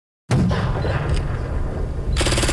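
A loud, sustained blast of rumbling battle noise from simulated explosions erupts after a brief silence at CFB Wainwright military base, Canada, where Historica Canada is recreating a 2008 Afghanistan ambush, then shifts into a rapid, rattling burst of gunfire near the end. No voices.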